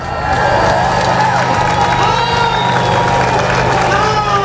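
A large crowd at the Gibraltar border crossing cheers and shouts continuously at midnight as the agreement allowing free crossing takes effect, with whistles and scattered clapping mixed into a dense, loud roar that holds steady throughout.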